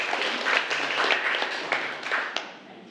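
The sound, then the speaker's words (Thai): A short burst of applause from a small group, given as thanks for teaching materials after a water pipe installation is finished and tested by opening the valve and tap; dense overlapping claps with a few sharper individual ones standing out, steady and moderately loud for about three seconds with no speech. “เป็นไงปรบมือขอบคุณสื่อดีๆสำหรับวันนี้นะคะ”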